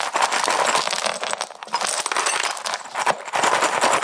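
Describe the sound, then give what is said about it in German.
Broken glass shards clink and rattle together in a steady, dense jingle of bright, high-pitched tinkles for about four seconds, with no talking, as they are handled with gloves and recorded with a microphone. “Ja, und mit dem Mikrofon nehme ich hier jetzt mal das Scherbengeklimper auf.”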